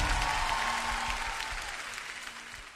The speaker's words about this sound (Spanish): Un aplauso para Jesús.